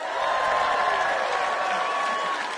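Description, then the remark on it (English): A live music audience claps and cheers steadily for a few seconds after a singing performance, a dense, continuous wash of applause at full volume with faint tonal ringing underneath and no clear speech. “Give yourself a massive round of applause for my singing.”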